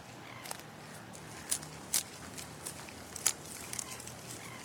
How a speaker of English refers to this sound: What a cool nature sound. Can you be a quokka, munching and crunching on some leaves and fruit?